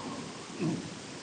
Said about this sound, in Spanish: Ay, qué manera de llover.